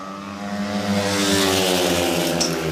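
Loud, sustained engine roar with steady harmonic drone of speedway motorcycles racing on the third lap of heat 13 in the Lejonen versus Dackarna derby, the pitch holding high and continuous for the whole moment with no voices.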